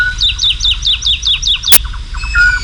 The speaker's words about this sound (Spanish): pero a estas horas, hacia las 5, 5 y pico de la mañana, una noche de luna llena, en el cielo, colgada en el aire, hay cantando una totovía, la alondra de bosque.